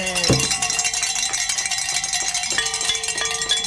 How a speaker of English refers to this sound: So look at that. I get to ring my bells again.